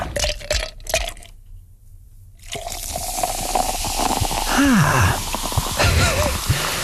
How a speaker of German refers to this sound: Prickelt gerade ein bisschen auf dem Trommelfell, oder? Eiswürfel im Glas.